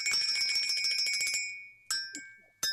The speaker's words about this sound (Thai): เสียงแห่งความสดใสกับกระดิ่งสีแดง